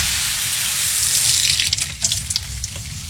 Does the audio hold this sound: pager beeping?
no